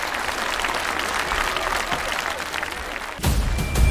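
Sustained audience applause for a contestant in a folk vocal singing competition round, a dense steady wash of many hands clapping that swells louder toward the end, with no voices rising above it.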